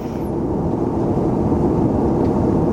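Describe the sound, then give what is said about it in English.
A steady, loud low roar of airplane cabin engine noise fills the whole stretch, a constant droning rumble with no breaks and no voices. “And we're on a plane, and we're not sure.”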